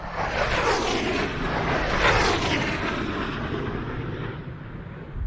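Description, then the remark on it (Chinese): A prototype jet aircraft on a test flight roars as it accelerates to Mach 0.8, a loud, dense, continuous rumble with a rushing high hiss that holds steady for several seconds. No voices are heard. “报告指挥部，飞机提速，马赫0.8，没有颤振；马赫0.9，没有颤振。”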